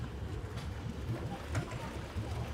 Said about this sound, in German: Auch noch zwei Motorboote.